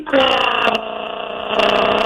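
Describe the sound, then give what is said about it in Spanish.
A voice imitates a wife's loud snoring, likened to a truck going downhill, with a single sustained, buzzy, rumbling drone lasting about two seconds. It is fairly loud, swelling slightly near the end, with no other talking. “Oye, pero mira, al segundo día que nos casamos, eso se oía así como un trailer de bajada.”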